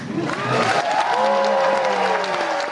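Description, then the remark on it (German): A concert crowd applauds loudly at a jazz quartet's opening concert of the Zigzag Jazz Festival at the Gasometer on the EUREF Campus in Berlin-Schöneberg, a dense steady roar of clapping with cheering voices and long sliding whoops rising over it. “Ja, da war der Applaus groß gestern beim”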